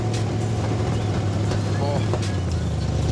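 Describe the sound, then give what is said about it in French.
A student-built race car, not road-approved, with very short exhaust manifolds made at the school, idles loudly on the school grounds in a steady, rough, low-pitched drone, holding an unbroken throaty hum for the whole three seconds with a faint rattle on top. “Ah, le bruit est excellent. Vous avez travaillé les échappements en plus pour avoir un son pareil.”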